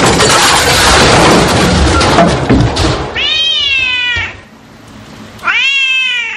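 A cat gives two drawn-out, wavering meows, high and loud, each lasting about a second, following a burst of broad rushing noise with a thud; no one speaks.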